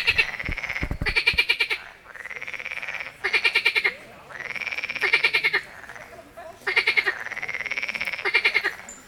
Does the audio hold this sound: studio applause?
no